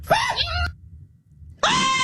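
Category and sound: human body sound, human scream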